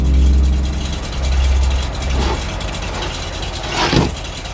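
An ice delivery truck, used to deliver big blocks of ice for old-fashioned iceboxes, idles with a steady, deep rumble throughout, fairly loud, with a couple of brief clanks over the drone and no voices.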